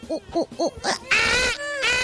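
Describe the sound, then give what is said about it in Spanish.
A human voice imitates the monkey-like cry of a cat named Héctor that began crying around midnight: four quick, rhythmic, arching hoots, then a loud, shrill, strained screech that holds and wavers before breaking off. “Hizo como un chango. Y empezó así.”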